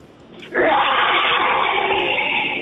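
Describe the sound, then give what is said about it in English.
A loud dinosaur-style roar from an alarm clock bursts in after a brief quiet moment and holds as one long, raspy, wailing bellow with no voices. “Today is the first day of school, and you wake up to your very loud dinosaur-themed alarm clock.”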